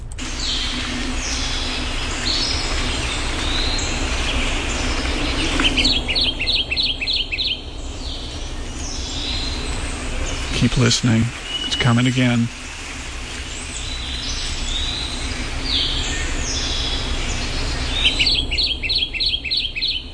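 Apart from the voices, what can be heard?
kentucky Warbler repetitive song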